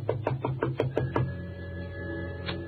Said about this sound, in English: She told me to wait, and she went over and knocked on the door.